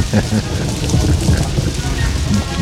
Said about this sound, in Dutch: Hoor het eens regenen. Ja, lekker. Ik moet er nou door met de fiets.